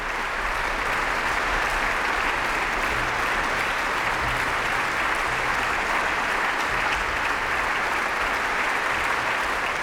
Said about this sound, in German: Am Schluss gab es dann langen Applaus für alle Beteiligten dieses Konzerts der Ouverture Spirituelle der Salzburger Festspiele.